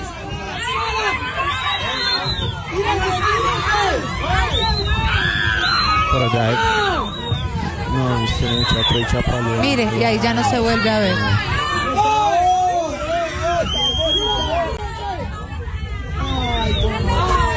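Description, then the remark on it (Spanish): Many voices shout and scream at once, loud, with high-pitched rising cries over a dense crowd hubbub, as onlookers shout and a sister cries that he cannot swim. Another voice talks through the continuous commotion. “O sea, la gente ya mira, grita, ya está llorando la hermana y se escucha diciendo: él no sabe nadar.”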